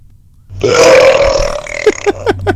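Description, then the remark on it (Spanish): A single loud, drawn-out burp rumbles for over a second, then trails off in a few short guttural pulses. No one speaks. “A ver, vamos a pasar un eructo de alguien que dice que su superpoder es eructar sabroso.”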